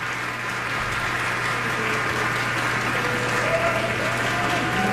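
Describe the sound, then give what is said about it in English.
A concert audience at the Seattle Chamber Music Society Summer Festival applauds the musicians' third curtain call after the performance, a dense, steady wash of many hands clapping that holds at an even, fairly loud level for the whole stretch, with a low hum underneath. “A third curtain call for our musicians.”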